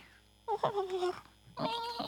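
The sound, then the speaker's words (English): A person imitates a cat with two drawn-out, clear meows, fairly loud, separated by a brief pause, with a quiet background hiss. “Meow.”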